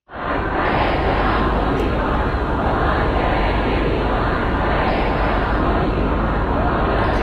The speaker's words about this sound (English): Well, we can hear there mourners who filled the city of Mashhad for the last several days of funeral proceedings. Crowds shouted slogans against any compromise with the US and denounced the American and Israeli leaders.